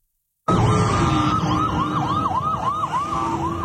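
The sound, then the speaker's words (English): Emergency vehicle sirens wail loudly and continuously across central Israel in the morning, during a major manhunt after shooting attacks, one cycling rapidly up and down in a repeating yelp over a steadier tone, with heavy traffic rumble beneath and no voices. “Sound of emergency sirens echoing across central Israel this morning, where a major manhunt is underway.”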